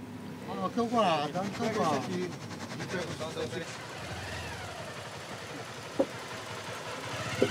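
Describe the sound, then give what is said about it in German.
A ferry crossing with a steady engine rumble running throughout, with voices chattering over it at first, then the engine drone carrying on with light clatter and a couple of sharp knocks. “Je mehr Autos und Passagiere, desto mehr Wasser in der Fähre.”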